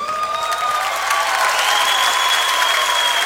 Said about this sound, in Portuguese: Vou pedir uma salva de palmas pra essa pessoa maravilhosa, que aliás, lindíssima, a nossa violoncelista,